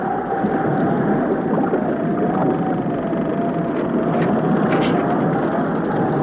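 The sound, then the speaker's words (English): A steady, loud roar of stormy wind and churning sea surrounds a tossing boat whose engines are dead, with a thin whining tone running through the rumbling wash and no voices. “Is the storm getting worse, Jerry? The boat is tossing about much more.”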